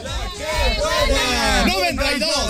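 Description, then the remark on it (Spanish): The Correcaminos radio team shouts their war cry together, loud and sustained, with pitches rising and falling in unison for a couple of seconds before tapering off. “Nosotros los correcaminos nos retiramos con el grito de guerra.”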